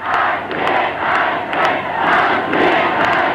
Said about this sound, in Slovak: Počujete? Čo vravím? Počuj aj hluchý, ale či cítite ten potlesk?